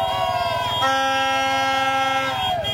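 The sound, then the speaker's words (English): Mexican football fans outside the hotel where the English team were staying create a loud, unbroken din of blaring car and air horns, several sustained tones overlapping and shifting pitch, with a low rumble of noise beneath. “That was all the Mexican fans outside of the hotel where the English were staying.”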